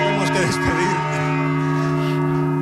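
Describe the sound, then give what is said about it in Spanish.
Large cathedral bells ring loud from inside the belfry, their deep overtones humming steadily throughout, with a brief murmur of voices near the start. “Escuchando el sonido de las campanas desde el interior del campanario de la Catedral de Alcalá, desde el interior del campanario de la Catedral de Mondoñedo.”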